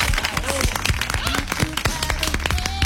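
A crowd applauds steadily for the whole stretch, a dense, loud patter of many hands clapping, with scattered voices and cheers rising briefly over the clapping.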